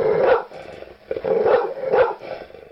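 A dog barks loudly, giving about three or four throaty, drawn-out barks at an uneven pace, with no one talking over them.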